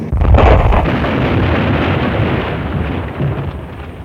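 A loud explosion bursts out suddenly, then a heavy low rumble rolls on and slowly fades over several seconds, with no voices.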